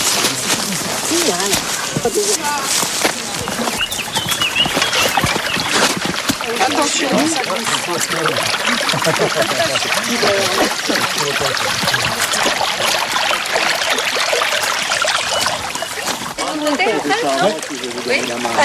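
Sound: flowing brook water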